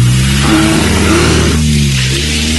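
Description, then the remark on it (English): A car engine revs hard and accelerates as the car pulls away from a lion chasing it, its droning pitch climbing steadily. It stays loud throughout, with no voices. “It wasn't fair for you to try and turn the car around on the lion.”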